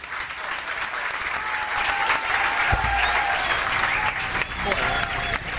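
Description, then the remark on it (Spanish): Sustained applause from council members who stood up to clap steadily in the council chamber (HCE) in Pinamar, in unanimous recognition of work in education, dense and moderately loud throughout, with faint murmuring voices underneath. “Todos los concejales se pararon a aplaudir.”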